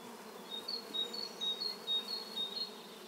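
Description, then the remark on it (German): A swarm of wasps buzzing over sand in the Ardèche, where they dig small holes to lay their eggs and prey for the larvae. A dense, steady drone of many overlapping wings, with short, thin high tones pulsing through it about every half second, and no one speaks. “Das klingt wie in einem Bienenstock.”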